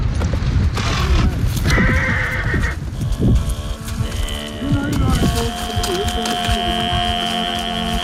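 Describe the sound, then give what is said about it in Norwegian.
A herd of horses thunders past at full gallop across an endless steppe, a dense rumble of pounding hooves with whinnies breaking through. Later, sustained tonal sounds of a distinctive singing style rise over the fading hoofbeats. “Snart kommer det en flokk med hester forbi oss I full fart.”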